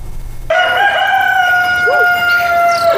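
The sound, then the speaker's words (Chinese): A rooster in a village at 5:30 in the morning, at dawn, lets out one long, loud crow that starts abruptly after a brief quiet moment and holds a bright, steady, buzzy pitch for over two seconds. No one speaks. “现在是早晨5:30，村子里的狗和鸡都醒了”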